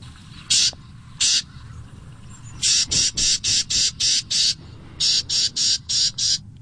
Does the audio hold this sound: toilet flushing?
no